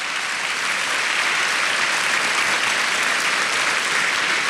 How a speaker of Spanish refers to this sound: Dele más fuerte ese aplauso al Señor.